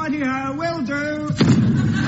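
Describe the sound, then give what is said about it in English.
A sustained, wavering tone slides downward and breaks off into a single heavy, booming thud as a falling time-travel craft lands hard, followed by a short rumbling decay. “Down, down, down fell the time trousers, hurtling through the stars and galaxies, until at last they landed with a thud.”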